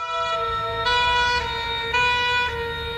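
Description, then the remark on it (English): A loud ambulance siren wails in a steady two-tone pattern, switching pitch about every half second, with a low engine rumble underneath and no voices. “I remember telling Des to phone for an ambulance, then no more for a while.”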